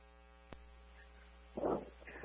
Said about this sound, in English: 104, tried twice, it's not taking the reset. The system, it says alarm still present. Please, just silence it then.